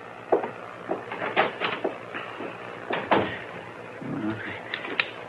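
A door is opened and shut, with a series of wooden knocks and clunks, a short creak partway through, and a final sharp tap.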